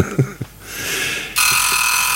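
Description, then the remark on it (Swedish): A timer alarm starts ringing, first a rising electronic tone that swells, then a loud, steady high-pitched buzzing ring that continues without pause. A few soft knocks come just before it. “nu ringer den där klockan. Ja, men du satte bara den på 15 minuter.”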